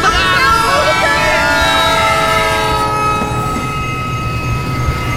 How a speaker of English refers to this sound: The train went right over him.